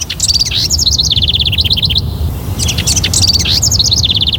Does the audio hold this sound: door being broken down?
no